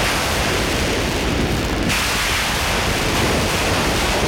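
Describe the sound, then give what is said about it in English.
Synthesized thunder opening an electronic synthesizer rendition of the Indian raga Meghmahar rolls as a steady, dense roar of noise with a rumbling low end, holding an even loudness throughout and shifting slightly in tone partway through. No voices are heard. “There's one raga Meghmahar, and so this one, you know, starts with these sort of synthesized thunder sounds, and it's a callback to this idea of clouds, rain, monsoon.”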